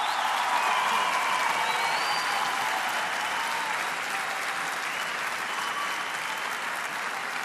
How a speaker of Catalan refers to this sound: ¡Fuerte el aplauso!